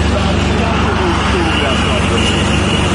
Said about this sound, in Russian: А теперь давайте еще раз подивимося відео, зняте на кордоні з Грузією. Пробка перед російською границею в сторону Грузії.